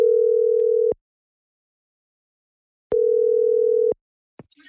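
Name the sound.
telephone ringing tone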